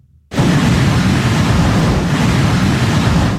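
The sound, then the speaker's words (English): Heavy surf from a powerful nor'easter crashes and roars continuously on the Outer Banks and Virginia's coast, a loud, dense wash of breaking waves mixed with buffeting wind that starts abruptly and stays steady throughout, with no voices. “Massive waves pummeled the Outer Banks and along Virginia's coast. High surf spilled into neighborhoods.”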